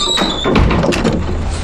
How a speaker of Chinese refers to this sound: 开门。找你办证。